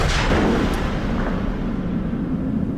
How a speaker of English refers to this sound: Somebody yells fire, boy. And they think some idiot, some redcoat, just started firing.